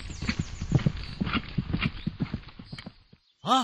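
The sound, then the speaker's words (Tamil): A sacrificial horse's hooves clip-clop in a steady, quick rhythm for about three seconds, fairly loud, then the hoofbeats stop abruptly. “குதிரை அரச மரத்தில் அல்லவா கட்டப்பட்டுள்ளது?”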